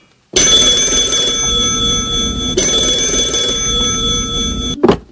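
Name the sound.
telephone ringing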